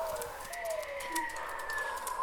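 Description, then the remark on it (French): An owl hoots in steady, drawn-out tonal calls that rise and glide, heard alone against a soft hiss of night air, with no voices. “Le hibou, la chouette.”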